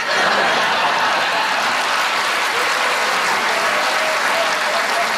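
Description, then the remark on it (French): Sustained applause from a live audience of François Bellefeuille, answering who still uses toilet paper, steady and fairly loud for several seconds, with a few scattered chuckles mixed into the clapping. “Qui, par applaudissement, utilise encore du papier de toilette?”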